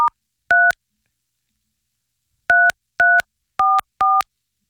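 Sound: telephone number being dialed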